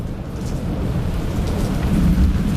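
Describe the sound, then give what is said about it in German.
A thunderstorm with steady rain pouring down and deep, low thunder rumbling continuously underneath, fairly loud, with no voices. “so auf eine Terrasse raushocken, schön am Schärmen und ein bisschen Gewitter zulassen?”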